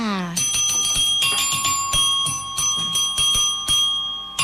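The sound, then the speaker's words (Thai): A bell rings rapidly and repeatedly at the opening of the radio show Variety on Radio, its bright metallic tone sustaining between quick strikes for several seconds, preceded by a brief vocal sound at the very start. “ได้ยินเสียงกระดิ่งชัดไหมเอ่ย มี FC ของเราบางคนนะบอกว่าชอบฟังเสียงกระดิ่งมากๆเลยอ่ะจัดให้อีกรอบนึง”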